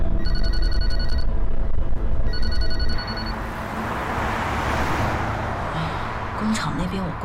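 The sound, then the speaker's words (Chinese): A phone rings in two bright, electronic bursts with a short gap between them, fairly loud and close, then stops, leaving a steady rumble of background noise like a moving vehicle. “接电话，接电话。”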